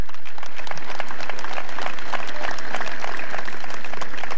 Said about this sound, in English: Give a loud round of applause in thanksgiving.